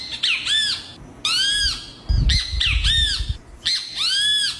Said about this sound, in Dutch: Als je dit hoort, dan is de dag toch al meteen goed begonnen. Dit is toch fantastisch. Dit is een grietjabi. Dat is een kleine vogel. En die maakt dit geluid. Ja. 'S Ochtends.